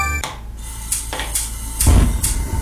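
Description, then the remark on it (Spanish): Dinner table sounds: plates and utensils clink a handful of times at irregular moments, bright and brief, over a steady low background hum with no one speaking. “Estos son los sonidos de una cena.”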